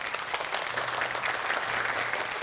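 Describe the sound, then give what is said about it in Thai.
Steady, dense applause from an audience of students welcoming a Thai singer and National Artist: a continuous wash of many hands clapping at a fairly even loudness, with no voices standing out. “ก็ขอเสียงปรบมือต้อนรับนะครับเรืออากาศตรี…ศิลปินแห่งชาติครับ”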